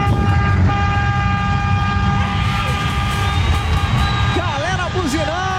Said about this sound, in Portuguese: Buzinaço pro Cata Bilal, parabéns aí pro Cata Bilal. Daí a galera do Brasil inteiro buzinando na Band FM, vai.